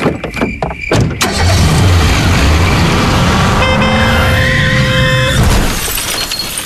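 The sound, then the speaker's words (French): A loud head-on car crash with an oncoming car: a few sharp knocks, then a violent impact with crunching metal and breaking glass, followed by a car horn blaring steadily for a couple of seconds. “Dans la voiture qui arrivait en face, une famille rentrait simplement de vacances.”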